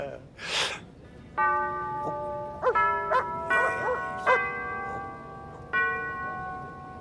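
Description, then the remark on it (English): Church bells ring out in several overlapping strikes, each tone hanging and slowly fading, with a few short sharp sounds mixed in between the peals. “Amen to the bells, Father. The bells are saying grace, my dear.”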